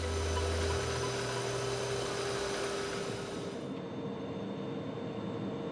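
freight train running

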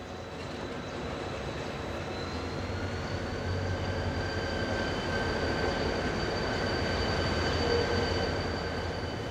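train arriving at station

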